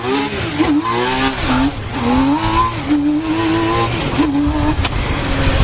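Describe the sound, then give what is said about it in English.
A T-Rex three-wheeled car accelerates on the outskirts of Montreal, Quebec, Canada, its engine note climbing and dipping through several gear-like surges in a loud, continuous rev with no voices. “And driving T-Rex, that category could be called impractical, but it's just oh so cool.”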